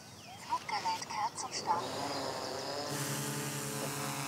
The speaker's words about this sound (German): Die Drohne hat eine Wärmebildkamera, liefert hochauflösende Echtzeitbilder und fliegt die programmierte Flugroute eigenständig ab. So kontrolliert das Sondereinsatzkommando Rehkitzrettung bis zu 60 Hektar Nutzfläche pro Einsatz.